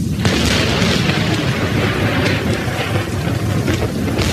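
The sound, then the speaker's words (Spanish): A terrible storm at night over open ground with no shelter roars steadily, with deep rumbling thunder in the low end and a dense wash of rain hiss on top, a few sharper cracks breaking through the constant loud noise. “En un descampado sin más techo que una espantosa tormenta, el conde de Kent se encuentra con uno de los caballeros del séquito del rey.”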